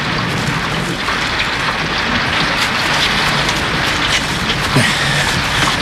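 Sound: rain falling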